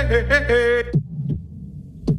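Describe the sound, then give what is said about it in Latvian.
A short sustained harmonic tone fades out, then a heartbeat follows: deep, muffled low thumps, a quick double beat and then another beat about a second later. “Dzirdi savu sirdi.”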